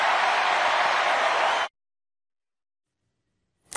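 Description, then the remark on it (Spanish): Loud, dense applause from a crowd of supporters at a political rally, a steady wash of clapping that cuts off abruptly after about a second and a half, followed by silence and a brief burst at the very end. “Aplausos en una fiesta, en un evento donde todos son simpatizantes.”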